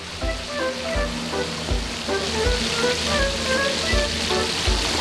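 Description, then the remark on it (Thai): Fish frying in a full pan of hot oil over very high heat, oil spattering, for a fish fried with garlic and pepper: a loud, steady sizzle and dense crackle, with dull low thumps recurring every second or so underneath. “ได้แล้วนะครับตอนนี้นี่โหคู่ๆเลยมาจ้ะนี่ กระเด็นระวังกระเด็น หูหนักมากครับตอนนี้ไฟแรงจัดนะฮะร้อนแม่ก็ไม่ไหวเหมือนกัน”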